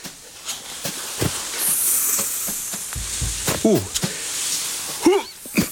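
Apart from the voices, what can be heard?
snake hissing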